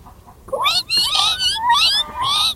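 Twin kittens squeal shrilly in a quick run of four or five high, wavering cries, their pitch sliding up and down, with no talking.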